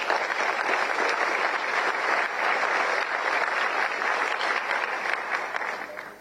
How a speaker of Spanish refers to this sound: Y a ellos dos un aplauso, por favor.